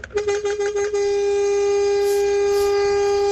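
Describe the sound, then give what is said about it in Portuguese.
A loud truck horn, sounded by a truck driver on the road as a greeting, starts with a few quick stuttering pulses, then settles into one long, steady blast that holds to the end, with no voices over it. “Buzinão, hein? Esse foi um buzinaço!”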